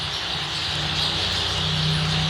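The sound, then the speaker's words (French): Starling song pours out as a dense, unbroken stream of rapid chattering, clicks and high whistles at an even level, with a low steady hum running underneath. “Donc les tourneaux, c'est vraiment une boîte à musique, quoi.”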